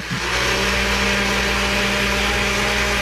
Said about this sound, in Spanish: Y bueno, entonces yo decía, bueno, sí está en la casa porque está prendiendo la licuadora.